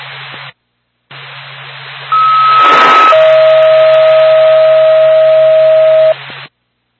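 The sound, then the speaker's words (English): Two-tone radio dispatch page for an ambulance service in Whitefield over a crackly, static-filled channel: a steady high tone holds for about a second, then drops to a lower tone sustained for roughly three seconds, loud and clear. “NORPAC, Whitefield Ambulance, standby for Tom.”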